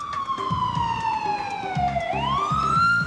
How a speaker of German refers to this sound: Ein Krankenwagen in Little Pud? Wer? Warum? Wohin? Sind die Angehörigen schon verständigt?